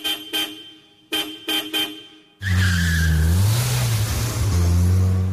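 A car honks five short times, then its engine roars loudly to life and the car speeds off, the motor's pitch climbing and dipping as it accelerates away, with no voices.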